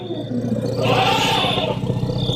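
Elephants clash and trumpet as another elephant joins the fight, a loud, rumbling bellow that swells into a harsh, rising blare before easing back, continuous for a couple of seconds with no talking.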